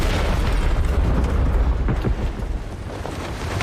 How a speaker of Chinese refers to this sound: 雄从不回头看爆炸。